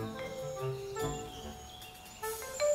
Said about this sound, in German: Bienen summen hier neben dem seltenen Segelfalter. Auch die blau-schwarze Holzbiene schaut vorbei.